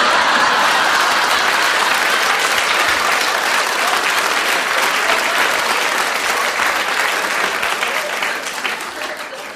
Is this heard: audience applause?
yes